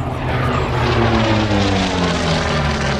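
A matte black propeller warplane built for aircraft carrier operations, the last flying example used in the Korean War, flown by the US Marine Corps from 1950, drones loudly and steadily overhead at an air show, its deep engine roar with rippling harmonic tones sustained throughout, no voices present.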